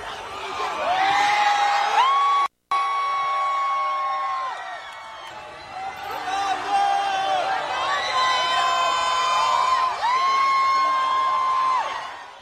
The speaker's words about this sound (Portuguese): Dezenas de pessoas a gritarem no momento em que Cristiano Ronaldo, Diogo Dalot e Francisco Conceição foram à janela acenar